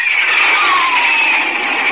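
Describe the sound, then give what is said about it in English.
A Republic Thunderjet jet plane on a test flight roars past with a steady, loud, hissing whine, one tone slowly sliding lower in pitch over two seconds. No voices. “Listen to this jet plane streak through the air.”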